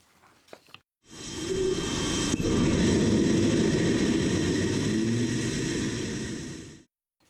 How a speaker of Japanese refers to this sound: 今日は初めての飛行試験が秋田県能代市の実験場で行われ、午前6時15分ごろエンジンに点火されると轟音とともに打ち上がりました。